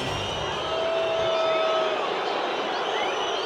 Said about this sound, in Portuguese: É, vaias. Torcedor do Palmeiras não está satisfeito com a apresentação e com o resultado.